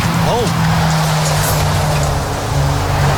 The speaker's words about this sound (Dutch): Een enorme grote vrachtwagen.